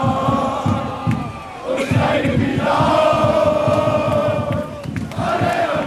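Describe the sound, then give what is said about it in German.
A large crowd of roughly 2,000 to 3,000 football fans on a peaceful fan march, loud and dense, with massed chanting and shouting voices filling the air continuously, broken by brief sharp noises and rising cheers. “du hast ja gerade auch schon den Fanmarsch angesprochen. Wir hören noch mal rein, da bin ich ja eben auch mitgegangen.”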